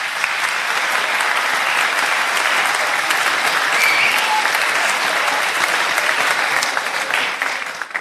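A crowd applauds steadily for the full eight seconds, a dense, loud wash of many hands clapping with no pauses and only a slight fade at the very end, welcoming first-time attendees at a youth gathering (Jugendtreffen).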